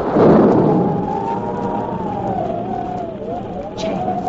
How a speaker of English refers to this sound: Could that possibly be thunder? Sure sounds like a storm coming up,